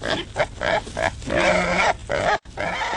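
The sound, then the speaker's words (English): Wild hogs grunting and snorting in a rapid series of harsh, low, guttural bursts, with a few higher squeals mixed in, loud and steady with no talking. “Wild hogs are destroying crops, sensitive natural areas, and lawns.”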